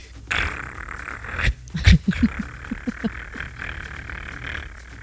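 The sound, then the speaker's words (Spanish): A small dog lets out a quick run of short, sharp yaps, a handful of barks bunched together before fading back into a steady background hum. “Un perrito estaba y no bravo.”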